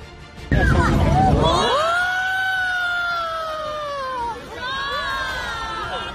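A crowd in China yells and cries out in alarm as a rocket launching a satellite explodes seconds after liftoff; long sustained shouts that rise and fall follow a loud, rumbling burst at the start, and a fresh wave of yelling comes near the end.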